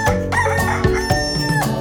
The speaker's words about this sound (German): Guten Morgen, Herr Hahn.